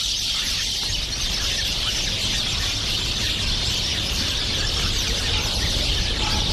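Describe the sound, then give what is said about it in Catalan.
Steady outdoor nature ambience filled with a dense, continuous chorus of birdsong and chirping, fairly loud and even throughout, over a soft low rumble, with no one speaking. “Així sona normalment la natura.”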